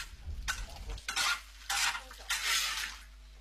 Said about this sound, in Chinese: 更讲究也不过是葱姜蒜辣椒的爆炒，仍是简单的食材，却会出一道大餐。